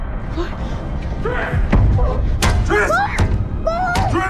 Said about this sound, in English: Four bangs against his cell door, and Triss struggles in the guard's hold.